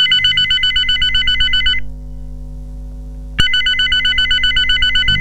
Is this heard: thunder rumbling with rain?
no